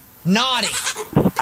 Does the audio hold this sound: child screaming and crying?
no